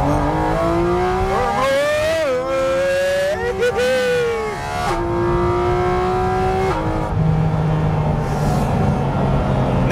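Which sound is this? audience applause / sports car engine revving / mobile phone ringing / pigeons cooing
sports car engine revving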